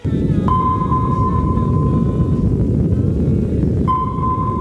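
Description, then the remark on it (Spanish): A sonar-like ping: a steady, high pure tone holds for about two seconds, falls silent, then returns, all over a constant loud low rumble, with no voices. “Este sonido muchos lo identificamos, no porque lo hayamos escuchado en directo, sino por las películas y todo esto, como el sonido de un radar, de un sonar, ¿no?”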